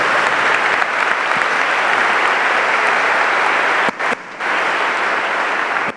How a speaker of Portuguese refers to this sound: Uma salva de palmas para as nossas crianças.